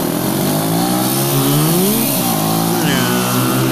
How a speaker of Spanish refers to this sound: Sí, de una moto.